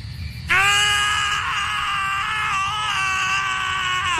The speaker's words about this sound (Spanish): Sí, ahí están gritando nuestro par de protagonistas como agradecimiento por toda la publicidad gratuita que les dio la película White Castle.